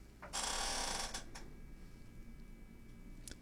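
A chair gives one loud, raspy creak lasting almost a second, then two short, quieter creaks follow as someone shifts in the seat. No one speaks.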